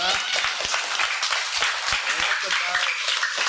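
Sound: children clapping loudly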